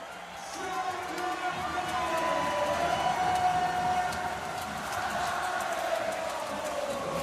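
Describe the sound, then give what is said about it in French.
A big crowd at the Prado arena sings together during a basketball match between Basket Landes and Bourges, a loud, steady wall of massed voices holding long sustained notes over a constant roar of cheering that carries on without a break. “Ah, et tout le Prado qu'on entend chanter.”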